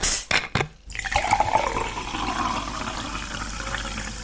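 A couple of quick clinks and knocks, then a person pours themselves a drink, liquid flowing steadily into a glass in a continuous splashing gurgle that rises slightly in pitch as it fills.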